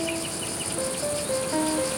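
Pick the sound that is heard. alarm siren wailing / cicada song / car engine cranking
cicada song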